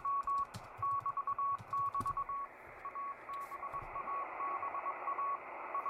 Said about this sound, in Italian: 6609 kHz, Morse code, vediamo cosa trova. Non trova un cazzo. Può essere 6608, le variazioni a volte 6607, se non mi sbaglio questo, eccolo qua, 6607 kHz, CV, che vuol dire codice Morse, 4XZ Israeli Intelligence